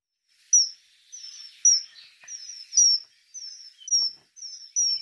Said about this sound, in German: Der Pfiff des Eisvogels haben Sie hier gehört. Es ist ein schöner Vogel. Seine Oberseite schimmert glänzend blau, die Unterseite leuchtet orange. Der Eisvogel ist Vogel des Jahres 2026.